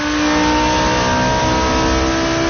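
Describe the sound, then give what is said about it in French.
A Formula 1 race car engine screams at high revs, a loud, sustained whine with a slightly wavering pitch, heard on its own without any talking. “Ouais, en fait, à ce moment-là, les voitures, elles font pas encore ce bruit-là. Ce sont pas des Formule 1”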